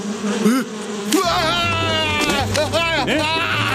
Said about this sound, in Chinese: 真的有蜜蜂！